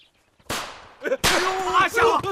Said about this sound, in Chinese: 哎，队长，是那小子把鞭炮给点着了。